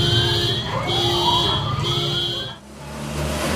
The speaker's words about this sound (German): Und bis heute sorgt die Warnsirene bei vielen für Panik.